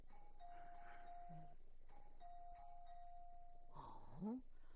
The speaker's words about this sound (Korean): 어느 장난꾸러기 녀석이 초인종을 이렇게 누른.